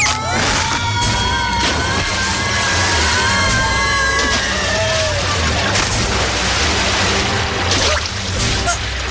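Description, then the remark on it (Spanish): A loud plunge into a river after falling from a cliff edge when a strawberry bush broke: heavy splashing and churning that fills the whole stretch, with a few whistling, sliding tones over the turbulent rush and sharp impacts breaking through. “¡Agua! ¡Caímos al río!”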